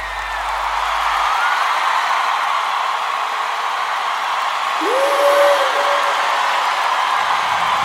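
A crowd applauds for a man's wife, clapping steadily in a dense, hissing wash of applause lasting several seconds, with a brief rising whoop or whistle cutting through partway.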